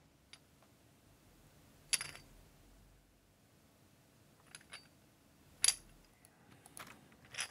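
A few quiet, bright metallic clinks of coins being given to a monkey, at irregular intervals, with small rustles and handling noises between them and no one speaking.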